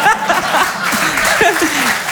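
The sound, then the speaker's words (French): A crowd claps steadily and loudly for about two seconds, a dense wash of applause with a few voices and chuckles rising faintly through it. “On a le droit d'applaudir ça?”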